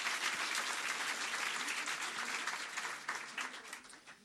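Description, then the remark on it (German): An audience claps steadily for a poetry slam performer after the scores are announced, a dense, continuous wash of applause that stays fairly even before thinning slightly toward the end. “Und nochmal ein Applaus für den Slammer, nicht für die Wertung.”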